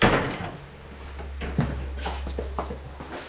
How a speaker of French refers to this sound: On va franchir la porte. La première porte. Donc du sas, la deuxième porte, et là on est toujours en France.